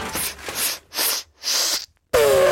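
An elephant sneezes: four breathy, hissing blasts of air in a quick rhythm, a short pause, then a louder burst carrying a brief whining tone. No one speaks.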